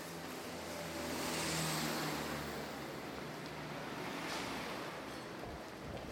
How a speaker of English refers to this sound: So we can hear things on the left side. And we can hear that there's traffic on the streets.